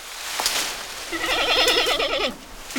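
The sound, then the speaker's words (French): A single giant panda bleat, a wavering, goat-like call lasting about a second, on its own with no talking. “Ah, j'ai trouvé. C'est un grand panda.”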